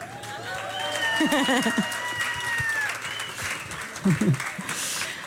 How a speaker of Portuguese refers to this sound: Não, mas vocês sabem que se vocês depois baterem um bocadinho mais de palmas.